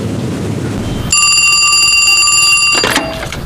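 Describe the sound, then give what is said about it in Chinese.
A telephone rings with a bright, metallic bell tone, one sustained ring lasting under two seconds, cutting in over a low rumble and ending abruptly as it's picked up; the call comes from Qingfengdian. “这时候来电话，清风店有事儿啊？”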